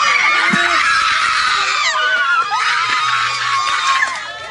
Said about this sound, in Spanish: Se convirtió en gritos de agradecimiento. Así cambió en un segundo el ambiente en el centro judicial de Ay Bonito.